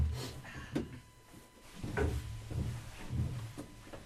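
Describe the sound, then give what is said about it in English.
Several heavy metallic clunks and thuds as four big latches holding a heavy door shut are worked loose one after another, followed by the creaking, rumbling movement of the heavy door being pulled open. No one speaks. “So these big latches here, four of them, hold the door from being pulled out.”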